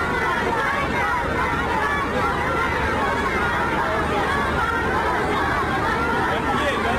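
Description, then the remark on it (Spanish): A dense crowd of hundreds of schoolchildren standing in rows in China, cheering and chattering at once, a steady loud wash of many high voices with no single speaker standing out, sustained throughout, as they jump and wave US and Chinese flags honoring Trump and the Chinese leader. “y fueron los niños, las filas de cientos de estudiantes de colegio que representan la juventud de China, quienes estaban brincando y ondeando banderas de los Estados Unidos y China, rindiendo honores a ambos líderes.”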